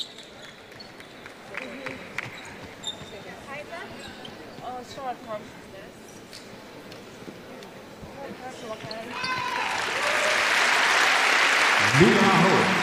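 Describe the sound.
An arena crowd breaks into applause partway through for player Aho getting back up after a hard collision, swelling into a steady, loud wash of clapping that lasts to the end, following stretches of a commentator talking over squeaks and bounces of a first-quarter basketball game involving Hungary.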